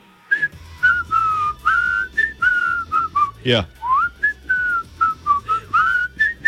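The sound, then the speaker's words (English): A person whistles a bouncy, clear melody, with short rhythmic phrases and pitch slides, briefly interrupted by a quick spoken interjection midway. “It's the number five whistling song.”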